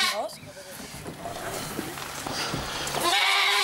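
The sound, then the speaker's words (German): A billy goat named Emil bleats loudly in wavering, harmonic cries as he leaves for a new home, one at the start and a stronger, sustained bleat near the end, with scattered background noise between. “Der Abschied scheint zumindest dem Ziegenbock schwer zu fallen.”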